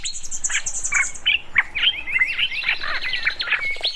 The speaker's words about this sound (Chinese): 他只睡了一会儿，就被鸟叫声吵醒。